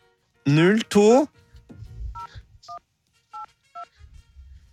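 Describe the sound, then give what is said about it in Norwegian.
A phone number is dialed: four short, clear keypad beeps at an uneven pace, each a two-tone chime, following a brief loud burst of voice and some low handling rumble. “Jeg tenkte jeg skulle høre lyden da det slo.”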